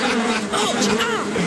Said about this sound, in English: The wasps are turning! We'd best beat a hasty retreat or we'll end up as food for the wasps ourselves!